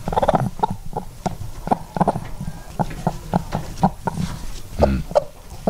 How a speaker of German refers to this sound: Komm, Henne Nummer 1. Okay. Klingt wie so ein Huhn.